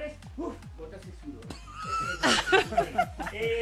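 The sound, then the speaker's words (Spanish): A person imitates a horse's whinny with a string of quavering, neigh-like vocal bursts, growing louder and shriller toward the middle. “Parece un caballo.”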